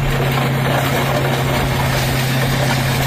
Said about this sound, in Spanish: Así suena el momento suena, en el que, sí, sí, la excavadora pasa por encima de estas motos que están apiladas y tumbadas como fichas de dominó.